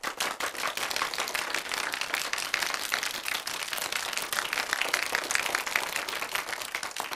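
A room full of people claps steadily, a dense wash of many hands clapping at once, sustained and fairly loud throughout with no voices over it.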